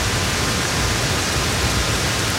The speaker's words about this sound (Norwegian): Jeg får ikke sove hvis ikke jeg hører på regnlyder, for da får jeg en sånn deilig comfy følelse som jeg føler meg så trygg når det regner ut av en eller annen grunn. Så jeg hører på det her, jeg.